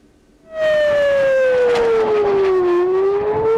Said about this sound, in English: Iranian missiles triggered air raid sirens in Jerusalem and in other parts of the country.